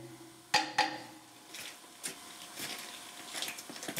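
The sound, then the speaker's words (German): Two sharp hammer taps on the bolted joints of a steam locomotive ring out with a bright, bell-like tone, followed by several softer, duller knocks over a low steady hum; the bolts are tapped to tell by the sound whether they are tight. “Also wir nutzen den hier, um Schraubverbindungen abzuklopfen. Dann hören wir halt am Klang, ob die fest sind.”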